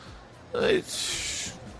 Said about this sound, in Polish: I … sapie, zmęczył się po 30 sekundach walki.